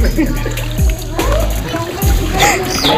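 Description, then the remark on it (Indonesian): Water pours and splashes steadily as peeled cassava is washed under it to rinse off soil left from peeling, with heavier sloshing bursts every second or so and faint voices in the background. “Ini sambil dialiri air.”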